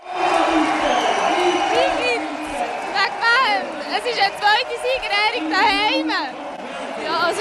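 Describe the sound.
A large crowd in a gym hall in Baar, canton of Zug, Switzerland, roars with steady applause and excited cheering at a village reception celebrating an Olympic gold medal, voices whooping and calling out over a dense wash of clapping and chatter, loud throughout.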